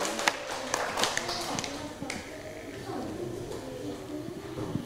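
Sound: classroom clapping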